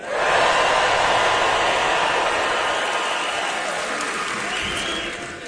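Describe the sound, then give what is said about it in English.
A large concert audience in the Opry House roars, yells and screams at once, a loud, sustained wall of cheering that holds steady for several seconds before easing slightly at the end. “Everyone that's in the Opry House tonight, when you yell and scream and get excited, that means everyone around the world can hear you.”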